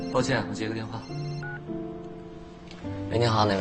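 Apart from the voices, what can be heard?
mobile phone ringtone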